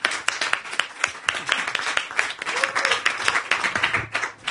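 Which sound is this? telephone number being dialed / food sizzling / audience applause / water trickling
audience applause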